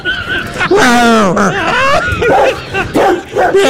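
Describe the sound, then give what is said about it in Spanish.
A large dog barks and yelps in a rapid, loud series of high, pitch-bending cries that run almost continuously for a few seconds. “el perro sadico. Era ese perro.”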